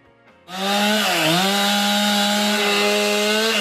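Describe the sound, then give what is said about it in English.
A chainsaw revs up sharply after a quiet start, then grinds steadily at a loud, buzzing pitch with a brief dip as it bites into wood, as crews clear fallen trees on a Thursday morning in Charleswood, West Winnipeg, Manitoba, after a storm with winds above 90 km/h. No one speaks. “Crews had a big cleanup job Thursday morning, clearing away fallen trees in areas in South and West Winnipeg like Charleswood.”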